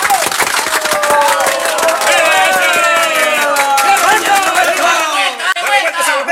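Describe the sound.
A crowd applauds at a gathering of artists at the home of a singer, a tribute for his 50 years of singing. The steady, dense clapping stays loud for several seconds, mixed with cheering voices or music, then thins out slightly near the end.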